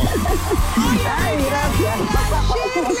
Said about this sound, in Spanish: Se lo ganó, buen premio, ganó. ¡Aplauso público!